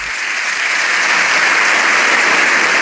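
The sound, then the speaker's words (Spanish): Sustained, dense applause from a large crowd of members of the Spanish Congress of Deputies in the parliament chamber, a long ovation welcoming the Pope as he enters. It is loud and steady throughout with no pauses, a continuous wash of many hands clapping at once. “Ha saludado a los miembros de la Cámara Baja antes de entrar al hemiciclo, donde fue recibido con una larga ovación.”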